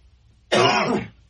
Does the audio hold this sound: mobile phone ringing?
no